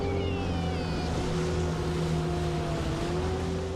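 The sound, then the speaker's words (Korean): A rescue boat's motor drones steadily for the whole stretch, a constant humming engine tone over a wash of water and wind noise, with no voices. The boat circles the outer edge of a swimming area, checking that swimmers stay inside the boundary. “조지의 명령이 떨어지기 무섭게 보트에 올라타는 켈비”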